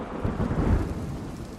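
A deep, rolling rumble of thunder swells and fades over a steady wash of rain, loud with no voices present.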